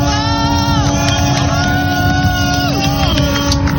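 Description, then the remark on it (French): Several boat horns blare at once in long, overlapping tones, some sliding down in pitch, over a steady roar of engines and a cheering crowd, as the boats salute sailor Charlie Dalin crossing the Vendée Globe finish line. “Tous les bateaux qui sont en train de saluer et les fumigènes qui sont en train d'être allumés juste à côté de moi pour saluer l'arrivée de Charlie Dalin en direct.”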